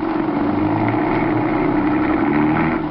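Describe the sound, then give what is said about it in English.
A car engine, started so the car can drive off, runs with a steady, low rumbling drone and a faint hum above it, holding an even loudness throughout with no voices. “Start this car. Keep on going, and don't look back.”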